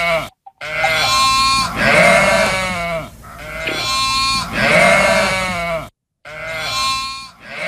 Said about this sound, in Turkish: Diye bağırdı. Kuzusuna meliyor.